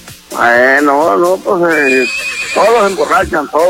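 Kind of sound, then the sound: animal, wild horse neighing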